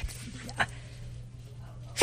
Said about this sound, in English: Bless you. Excuse me. You know what? That is a first. I have never in all my born days. It's so darn cold in here. Heard anybody sneeze on the air. You guys, you just heard a first time.